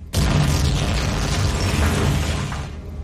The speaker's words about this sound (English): Knowing it's too late to pull away from the gravity of the planet they're crashing towards, Dirt can only brace for impact.